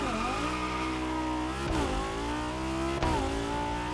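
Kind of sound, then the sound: vehicle, car engine revving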